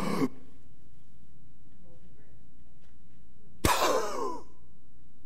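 A brief breathy noise, then about three seconds of near silence as someone holds their breath, followed by a sudden loud, rough gasp for air that trails off quickly.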